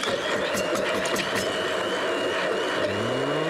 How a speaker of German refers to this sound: So, dann wichtigstes Gerät in der Küche, der Pürierstab.